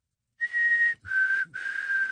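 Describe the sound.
A person whistles an imitation of a black-capped chickadee call: three clear, sustained notes, the first slightly higher and the next two lower and steady, with no talking.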